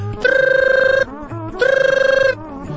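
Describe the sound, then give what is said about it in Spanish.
A telephone rings in two long electronic trilling bursts separated by a short pause, loud, with low background murmur in between. “Que agarra el teléfono.”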